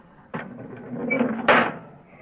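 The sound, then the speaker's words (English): Air is pumped into a pressure chamber: a steady hiss of air rushes in over a low mechanical hum, starting abruptly and swelling into a louder, brighter burst of hissing before easing off. No one speaks. “That hissing sound. Well, that means that air is being pumped into this chamber.”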